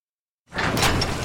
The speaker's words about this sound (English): That's not just the sound of a struggling air conditioner. That's a cry for help.